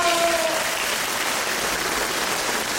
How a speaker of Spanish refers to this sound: Es más, vamos a ponerles aplausos. Aplausos a todos los estudiantes.